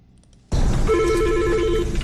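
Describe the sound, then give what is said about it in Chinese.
After a brief moment of quiet, a telephone starts ringing loudly, a steady electronic ring tone sounding over a dense, noisy background with no one speaking, before a call to a police public-opinion hotline is answered. “您好，警务民意热线。”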